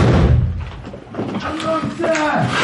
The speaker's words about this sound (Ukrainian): Ну давай знеси. Двері,